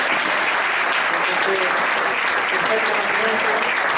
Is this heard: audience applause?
yes